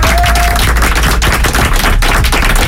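A crowd bursts into loud, dense applause for a contest winner, with rapid clapping sustained for the whole stretch and a brief whistle-like tone near the start. No one speaks over it.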